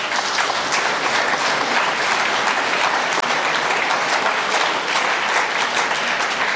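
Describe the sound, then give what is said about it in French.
A crowd at a day-long event applauds the day's host, coordinator of the Lève les yeux association in Paris, steadily for several seconds, a dense, even patter of many hands clapping at once that stays loud and sustained throughout, with no voices standing out. “On peut peut-être applaudir aussi.”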